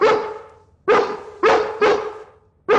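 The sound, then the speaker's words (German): A dog barks loudly, five sharp barks in an uneven rhythm, each ringing briefly before the next one starts. “Aber heute ist übrigens Tag des Hundes.”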